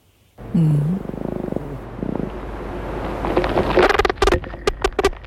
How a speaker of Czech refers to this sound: Jenom pozor pro posluchače, zní to trochu jako porucha. Samečci to dělají vibrací křídel a k vydávání toho zvuku mají v mozku unikátní spleť spojů.